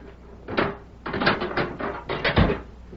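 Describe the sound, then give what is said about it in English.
A sheriff unlocking a jail cell door in the evening: a run of metallic rattles and clanks from a key and latch, ending in a heavier thunk as the door gives. No one speaks. “That evening, Sheriff Matt Gorman went to Deke Bauer's cell and unlocked the door.”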